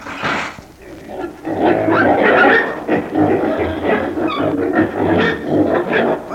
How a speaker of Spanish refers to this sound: ¿Cuántos chanchos, bella? Esos chanchos en un tiempo fueron personas comunes y corrientes.